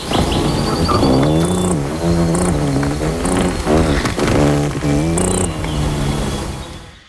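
Pierre Verville imitates a ruby-throated hummingbird's wing buzzing in a courtship display: a loud, continuous, wavering hum with rich harmonics and brief hissy bursts, rising and dipping in pitch for about seven seconds.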